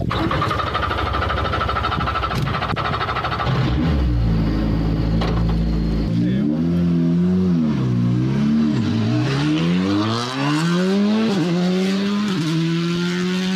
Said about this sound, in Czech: Je to Fabia RS Rally 2, nejnovější auto od Škodovky, vyhrává to závody mistrovství světa, rozhodně jedno z nejlepších auto na světě ve své třídě. A rychlost, jaká nás čeká? No, uvidíme, velká.